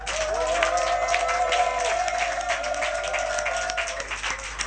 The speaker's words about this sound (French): Non mais, ça, vous avez applaudi. J'ai dit acclamation au Tout-Puissant.